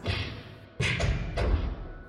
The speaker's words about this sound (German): Hinter einer der Türen erklangen eigenartige Geräusche. Es klang fast wie Faustschläge.